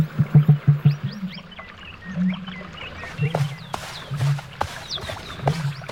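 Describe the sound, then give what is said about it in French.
A male bird's loud courtship call, trying to call louder than other males to be noticed by females: a quick run of deep, throbbing booms, then lower drawn-out hooting notes, over a busy background of high chirps and sharp clicks. “Va falloir que je crie plus fort que les autres mâles si je veux me faire remarquer.”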